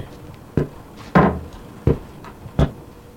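The door at the back is opened and shut, heard as four sharp wooden clunks spaced roughly evenly apart, one with a longer rattling tail, with no one talking.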